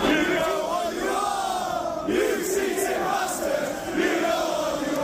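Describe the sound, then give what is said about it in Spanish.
A large football crowd inside Anfield stadium in England chants in unison a hostile chant calling their rivals cheats ("we know what you are, cheating bastards"), a dense roar of many voices rising and falling in a sung, rhythmic phrase that stays loud and steady throughout. “En los aledaños de Anfield se escuchó y se leyó mucho la palabra cheat, trampa en inglés, y la hostilidad se trasladó adentro del estadio con globos con el número 115 y cánticos como este.”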